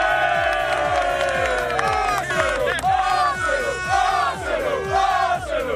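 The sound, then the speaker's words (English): A large crowd of Arsenal football supporters waving flags chants and cheers together in a loud, sustained roar, voices rising and falling in rhythmic, sing-song waves over a steady thumping beat. “They'd lost the Champions League final to Paris Saint-Germain the previous day, but it hasn't knocked the confidence of Arsenal supporters for next season.”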